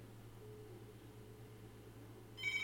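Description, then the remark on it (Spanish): A steady low electrical hum fills the background, then a bright electronic telephone ring suddenly starts right at the end, loud, cut off after a fraction of a second. “Estaban sonando los teléfonos.”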